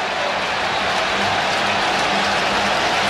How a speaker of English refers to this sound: Crowd rising again here in Chicago.